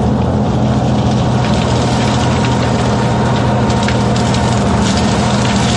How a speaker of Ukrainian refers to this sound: На цьому запису панцерник 153-ї бригади продирається крізь хащі на бойову позицію.